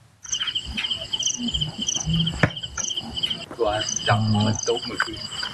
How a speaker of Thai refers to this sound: สิ่งที่ทำให้แมงดาหลงกลมาติดกับนะครับก็คือหลอดไฟสีม่วงพร้อมอุปกรณ์บันทึกเสียงแมลงที่ชาวบ้านเขาเอามาเปิดล่อครับที่กระท่อมกลางไร่มันสำปะหลังท้ายหมู่บ้านบ้านหนองหินดาบตำบลสะว่านพระยาอำเภอคอนบุรีจังหวัดนครราชสีมาครับ